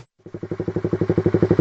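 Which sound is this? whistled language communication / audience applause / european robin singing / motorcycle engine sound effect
motorcycle engine sound effect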